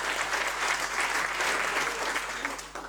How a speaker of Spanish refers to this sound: y fíjense, una fiesta así significa que los que estamos disfrutando detrás de este detrás de esta fiesta hay un gran trabajo que hicieron varios equipos, y yo quiero que le demos un poco un aplauso a esa gente que hace eso siempre.